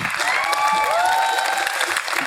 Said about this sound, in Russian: Камеди Радио и ТНТ представляет стендап. Виктор Алексеев, громкими аплодисментами.